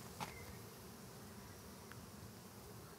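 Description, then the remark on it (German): A steady, dense buzzing of many honeybees swarming around a hive as beekeepers prepare to light a smoker, a continuous low hum, with a brief click and a faint high tone near the start. “So, jetzt sind wir aber hier mitten im Geschwirre.”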